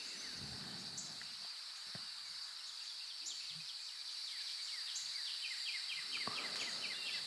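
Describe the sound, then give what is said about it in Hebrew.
Soft birdsong with repeated high chirps and quick trills over a steady, shimmering high-pitched hum, as if from insects, with a few faint low thumps. No one speaks. “קצת עם צלילים של ציפורים.”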